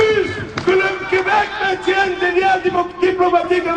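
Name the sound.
protest crowd shouting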